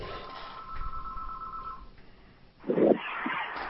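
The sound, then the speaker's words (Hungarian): A steady electronic tone holds for nearly two seconds, then a brief pause before a louder burst of line noise and clicks as a telephone call connects, with no one speaking. “de akkor ezt mindjárt folytatom a telefon után.”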